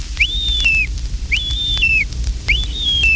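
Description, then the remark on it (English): A wigeon hail call blown on a duck call: three clear whistles, each quickly rising then sliding downward, evenly spaced about a second apart, fairly loud over a low rumble. “Here's the hail call of the Weegean.”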